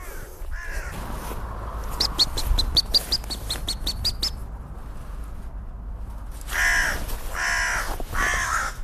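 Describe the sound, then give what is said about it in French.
A crow caws loudly and harshly in a few raspy bursts near the end, after an earlier run of quick, repeated bird calls over faint outdoor background noise. “Vous avez vu, la corneille a fait tomber une branche sur la buse.”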